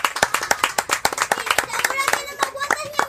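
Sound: audience applause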